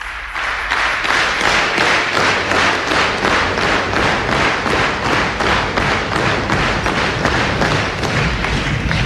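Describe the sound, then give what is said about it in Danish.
A crowd claps in steady unison, loud rhythmic applause with sharp, even beats a little over twice per second, continuing for about nine seconds with no voices. “Det bliver godt honningår efter alt det bifald.”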